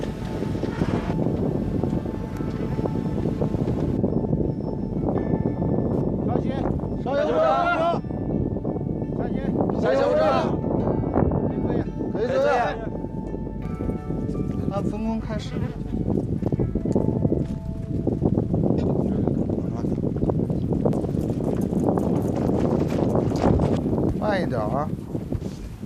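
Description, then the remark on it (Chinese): Strong, steady wind roars throughout as a railway bridge inspection team climbs a high bridge with piers 24 meters tall, the workers breathing heavily and rapidly, with brief voiced gasps and snatches of speech rising over the gusts. “打开风声和队员们急促的喘息声。”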